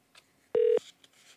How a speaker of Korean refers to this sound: 다음 빵댕이 전화 연결합니다. 전화 주세요.